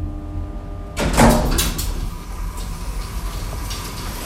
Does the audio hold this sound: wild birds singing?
no